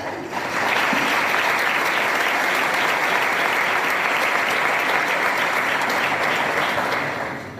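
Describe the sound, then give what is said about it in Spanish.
Sustained applause from an audience at an evening event, for all the work teams behind the project, a dense, steady wash of clapping that swells in within the first second, holds at an even loud level and begins to fade at the very end. “Me gustaría pedir un aplauso para favor de todos los equipos de trabajo que hay detrás de lo que estamos haciendo.”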